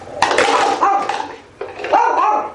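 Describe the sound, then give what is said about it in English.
A small female dog with a bow on her head barks at containers in a study, three sharp, high-pitched yaps spaced out over a couple of seconds, with no talking. “Dogs in the empty condition showed no preferences. Although one little cutie, with a bow on her head, did bark at all the containers, regardless of their contents.”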